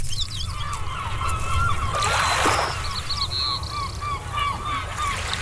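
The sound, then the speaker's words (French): Seagulls, sea birds of the family Laridae, calling repeatedly, a series of overlapping squawking cries over a steady low rumble like surf or a harbor. “Cet oiseau de mer de la famille des Laridés n'est pas que le surnom d'une amie chère ou le voleur de miettes d'une île Granville.”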